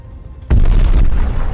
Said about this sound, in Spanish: Una enorme explosión atraviesa la parte inferior de la base aérea.